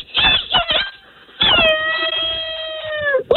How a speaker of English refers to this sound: Yeah, a little rooster crow.